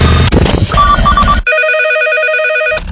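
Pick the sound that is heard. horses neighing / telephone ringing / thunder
telephone ringing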